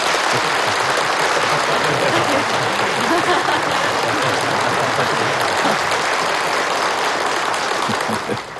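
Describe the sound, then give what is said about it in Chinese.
Sustained applause from Communist Party listeners at a speech, a dense, steady wash of many hands clapping at an even loudness for about eight seconds before easing off slightly at the end. “无论谁做报告，听众少鼓掌，甚至不鼓掌。”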